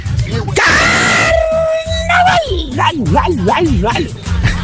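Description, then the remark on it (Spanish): A sharp, high-pitched yell bursts out over a driving music beat, then stretches into a long held vocal note before wavering, sung-sounding cries continue over the rhythm. “El mismo gritito que se mandó nuestro pariente.”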